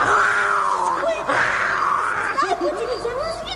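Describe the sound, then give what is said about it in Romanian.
A lion's roar rings out as a loud, drawn-out, wavering cry, rising and falling in pitch over about three and a half seconds, with no talking over it. “Nici o mișcare până când nu auzi strigătul leului, așa.”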